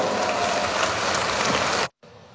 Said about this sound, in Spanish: Ese hombre se llama Evo Morales Saima y es nuestro presidente de la coordinadora. Lo vamos a recibir con ese fuerte, fuerte voto de aplausos.